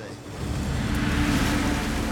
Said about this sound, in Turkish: Yine su sesi duyuyorum. Evet. Etrafta açılmaya başladı bak. Evet, suyu görebiliyorum. Şunu dinle. Ya bir şelale ya da nehir.